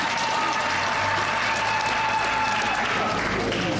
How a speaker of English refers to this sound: And because this morning we also went to the holy fire, I want us to give a round of applause to that sign of unity.